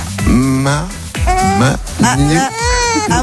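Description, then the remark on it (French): A two-month-old baby on a bus vocalizes loudly into a microphone, making a quick series of four or so wavering, fussy coos and squeals with brief breaths between them. “Elle a dit. Elle a 2 mois, hein, tu nous as dit.”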